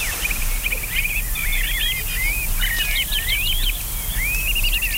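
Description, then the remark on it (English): Birds chirp and warble in quick, overlapping phrases throughout, fairly clear over a steady low background hum, with no one speaking. “There's those customary birds, which I'm going to talk about in a little bit.”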